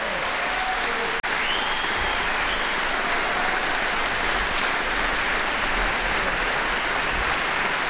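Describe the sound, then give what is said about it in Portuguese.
A large audience in an auditorium claps steadily and loudly after a concert by the jazz project of Orquestra Geração, a dense, sustained wash of applause with no letup apart from a momentary break near the start. “E então, para nós é um prazer, este é o projeto de jazz da Orquestra Geração, e uma grande salva de palmas para eles, para por causa deste concerto.”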